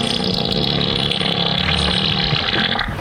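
A loud, drawn-out fart sound effect, a low raspy blast that holds steady for about three seconds before cutting off abruptly, with no one talking over it.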